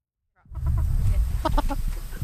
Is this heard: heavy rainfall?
no